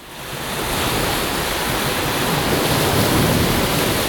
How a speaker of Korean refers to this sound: 아, 좋다. 소리 좋아. 여름에는 바다지. 파도 소리를 들으며 백사장을 걷는데 저 멀리 웬 여자가 혼자 앉아 울고 있더라고요.